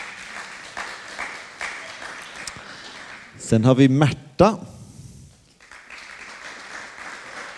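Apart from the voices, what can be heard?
audience applause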